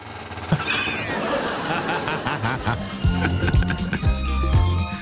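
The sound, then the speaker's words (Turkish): A swivel chair in a radio studio creaks and squeaks as the person sitting on it turns left and right in repeated back-and-forth strokes, with low groaning pitches that rise and fall in a rough rhythm, fairly loud, alongside some faint background voices. “Şu sandalyenin üzerine, oturan üzerine bir sağa sola döner misin?”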